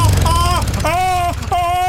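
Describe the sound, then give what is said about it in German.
A lawnmower engine drones steadily with a low rumble while high, strained whining tones rise and fall in three bursts; the mower's drive has jammed, with a foot caught in it. “Vorsicht mit deinem Fuß an den Antrieb von den Rasenmäher! Hat sich verklemmt!”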